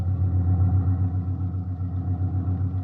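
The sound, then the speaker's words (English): An old ambulance, a jalopy, drives along the road toward Madrid, its engine a steady, low rumbling drone with a faint regular pulse, moderately loud and continuous with no talking. “This ambulance makes pretty good time for a jalopy.”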